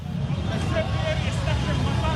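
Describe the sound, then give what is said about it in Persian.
Flag-carrying motorcycle riders roar steadily through a busy street at a midnight demonstration by Hezbollah supporters in Lebanon, protesting the Lebanon–Israel agreement. A continuous loud engine rumble with the murmur of a crowd blended underneath. “موتورسیکلت سواران پرچم به دست به خیابان‌ها هجوم آوردند در اعتراض به توافق دو دولت لبنان و اسرائیل در واشنگتن.”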